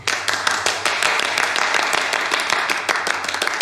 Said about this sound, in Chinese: 鼓掌。